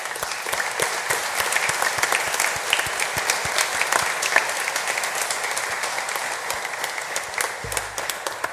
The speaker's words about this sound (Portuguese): Para todos, sem exceção, a nossa gratidão com uma salva de palmas.